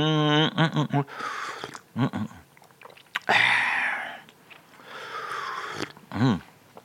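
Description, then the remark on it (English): Chewing a cream-filled biscuit dunked in a hot drink, with wet, crunchy bursts and breathy rustles, broken up by a few short voiced hums of enjoyment; no clear words are spoken. “While we're having a slurp, while we're having a chomp, and while we're having an orgy, we must, of course, have a sing-song too.”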